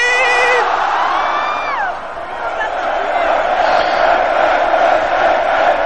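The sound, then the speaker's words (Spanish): A festival crowd cheers in the Plaza del Ayuntamiento (town hall square) of Pamplona at the start of the San Fermín festival on 6 July, a steady, dense roar of many voices. Early on, a loud sustained shout rises above it and slides down in pitch before the cheering carries on. “El sonido en directo desde la plaza del Ayuntamiento de Pamplona.”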